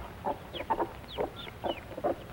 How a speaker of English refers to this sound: And now the mother and her chicks come off the nest to eat. These are Plymouth Rock chickens.